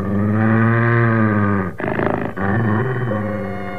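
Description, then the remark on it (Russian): A huge dog growls low and steadily, loud, breaking into a rougher, rattling snarl midway before settling back into a sustained rumble. No one speaks. “Пришло время ложиться спать, но собака по-прежнему не собиралась уходить.”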